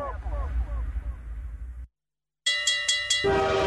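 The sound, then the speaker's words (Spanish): A train sound effect introducing a Supermami offers advertisement: a heavy low rumble rolls by, cuts to a brief silence, then four quick bright ringing strikes give way to a sustained tonal blare. “El tren de las ofertas de Supermami ya llegó, con oportunidades que pasan una vez.”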